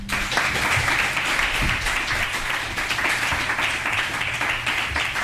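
Steady audience applause, a dense wash of many hands clapping at an even, loud level for several seconds with no pause or voices.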